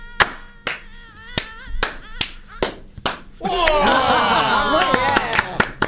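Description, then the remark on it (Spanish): Single sharp hand claps ring out one after another at uneven intervals, passed along like a wave; partway through, a crowd bursts into loud voices and laughter while scattered claps continue. “¿Vamos a hacer un aplauso en ola? ¿Así? En degradé.”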